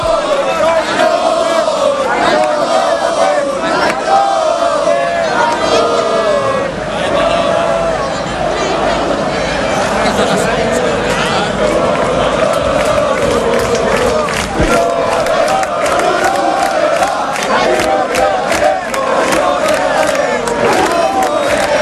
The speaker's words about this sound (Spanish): Pitbull, Pitbull, le gritan. Es el apodo, sí, sí. El Pitbull.